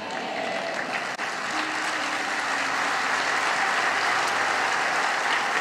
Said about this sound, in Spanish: Vamos a darle un mejor aplauso al Señor.